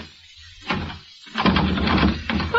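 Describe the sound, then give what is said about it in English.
A doorknob is rattled against a bolted door: one short clunk, a pause, then a longer burst of quick, loud metallic jiggling and clattering. “What are you doing with that doorknob?”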